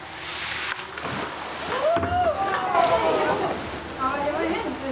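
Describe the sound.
Water rushes and sloshes steadily as a water skier is pulled through it at speed on a first start, with voices talking over the splashing throughout.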